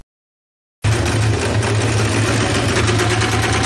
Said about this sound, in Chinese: 我现在是学用那个电缝纫机给他们窝裤脚。